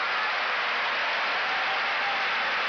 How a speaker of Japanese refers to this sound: この歓声です。藤の川が勝って2勝1敗。今回も豪ノ山に勝ちました。